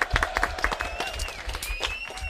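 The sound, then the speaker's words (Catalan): A live audience breaks into brisk, dense clapping that stays steady for a couple of seconds, with faint cheers and voices mixed underneath. “Fort aplaudiment, molt bé.”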